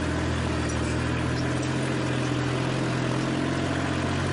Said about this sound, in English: To pull this kind of a tool that I'm using here with a tractor this small that was not a four-wheel drive tractor would be very difficult. This tool is known as a tiller tool.